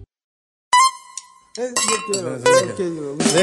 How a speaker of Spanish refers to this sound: Deje que la destape. Deje que destape ahí la cerveza, mi compa. Destápela, pues, si no, póngale así por debajito.